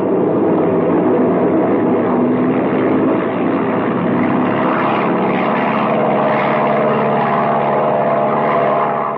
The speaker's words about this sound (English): Yeah, we're liable to collect more than a hole in the wing if you don't get this baby airborne soon.